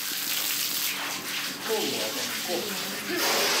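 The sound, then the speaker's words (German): A water cannon in use: loud, steady hiss of water jetting under high pressure, a continuous dense spray that surges slightly stronger near the end, with faint voices beneath the rush. “trotz Wasserwerfereinsatz. Vielleicht sollte man mal den Druck erhöhen.”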